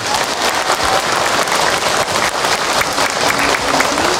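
A crowd claps steadily and loudly for someone's answer, a dense wash of many hands sustained for several seconds without pause, with no one speaking over it.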